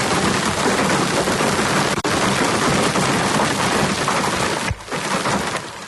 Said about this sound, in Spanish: Las tormentas descargaron con intensidad en las sierras de Alcaraz y Segura en la provincia de Albacete. Unas tormentas acompañadas de granizo de gran tamaño en municipios como Nerpien, donde ese granizo tiñó de blanco gran parte del paisaje.